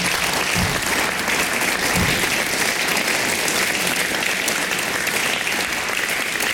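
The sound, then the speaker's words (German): Sustained applause from a theatre audience at the Schauspielhaus for a reader of passages from Nietzsche, Bataille and Kellner, a dense, steady wash of many hands clapping at an even loudness for several seconds with no voices standing out. “Auch bitte ich Sie hier um einen Applaus.”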